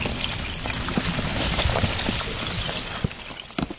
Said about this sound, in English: For the first time all year, the river is flowing, carrying chunks of ice. But if it was really quiet, like there was no engine noise, mm-hmm. the sound is amazing. It sounds like chandeliers clanging each other.